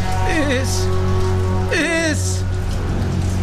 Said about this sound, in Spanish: Porque está lloviendo, ¿eh? Sí, está lloviendo mucho.